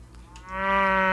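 A single loud, drawn-out cow moo swells in after a brief quiet moment and holds steady, deep and rich, with no voices or other sounds around it.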